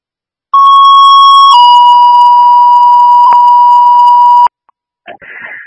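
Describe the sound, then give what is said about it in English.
A loud two-tone fire department pager alert sent by dispatch to cancel a fire alarm set off by dust: a brief steady tone that steps down into a longer sustained second tone lasting about four seconds, followed by a short burst of radio static. “Counselor from Pole 203, can you send out that cancellation page, please?”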